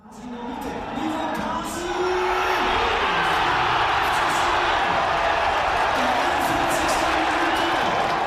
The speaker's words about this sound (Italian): questi sono i suoni di gioia dei tifosi della squadra della cittadina dell'Oberland bernese che oggi ha matematicamente vinto il titolo di campione svizzero senza giocare